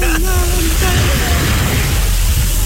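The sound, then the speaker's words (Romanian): Sea waves wash in a loud, steady roar, a continuous rush of surf with a brief faint voice-like tone near the start. “se audă valurile.”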